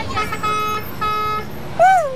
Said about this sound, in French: Mais dans la rue, il y a beaucoup de bruit. On entend les voitures, les camions, les motos, les klaxons.